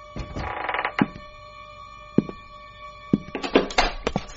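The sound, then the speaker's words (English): Someone picks the lock of the door to the hall with an old lockpick: scattered metallic clicks and scraping rattles, sharp and irregular, cluster toward the end over a steady high ringing tone, with no one speaking. “Somebody's trying to jimmy the door to the hall.”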